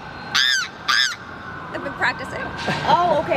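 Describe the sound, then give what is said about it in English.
A voice imitates a goose-like honking call, two loud nasal honks in quick succession, followed by softer, wavering vocal sounds. “You got the bird call.”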